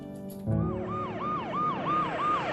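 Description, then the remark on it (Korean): An ambulance siren wails in a steady, repeating rise-and-fall pattern, loud, over a low vehicle rumble, starting abruptly after a brief moment of quieter background, as the ambulance arrives at a hospital in the dark. “어둠이 깔린 병원으로 요란한 사이렌 소리와 함께 도착하는 구급차 한 대.”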